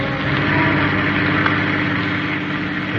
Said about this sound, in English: tells his driver to take him back to the office. And as the car speeds on to its destination, his mood is not of the pleasant.